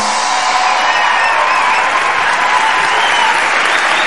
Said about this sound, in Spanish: Muchas gracias por venir, esperamos que lo paséis genial y os pedimos un fuerte aplauso para José Luis Sastre y Miguel Maldonado.